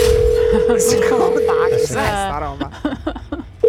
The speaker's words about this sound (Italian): Questo è lungo. Questo lo è un fax. Quello.